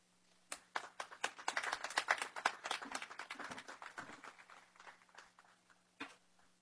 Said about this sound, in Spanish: Un fuerte aplauso.